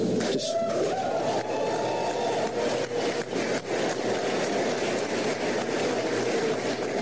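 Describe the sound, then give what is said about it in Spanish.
A steady, dense wash of many hands clapping from attendees at acting US Attorney General Todd Blanche's announcement of charges against former Cuban president Raúl Castro, with sharper individual claps poking through and a faint voice or cheer rising briefly near the start. “Cargos contra Raúl Castro y otros más por conspirar en el asesinato de estadounidenses, y comenzaron los aplausos como usted escuchó en este anuncio.”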